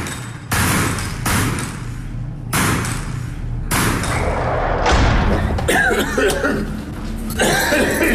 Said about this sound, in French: Après toute une vie de contact avec la poussière de poudre de munitions, il tousse pas mal. Mais il a l'air d'être encore en forme malgré tout.